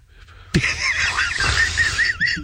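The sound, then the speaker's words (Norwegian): Seagulls squawk loudly in a harsh, overlapping chorus that bursts in suddenly and carries on for about two seconds, their wavering cries shrill, with no talking. “Og det derfor måkene rundt blir så jævlig aggressive.”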